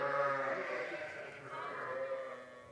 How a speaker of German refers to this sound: Wir tasten uns mal langsam an die Schafe ran. Die sind natürlich sehr ängstlich.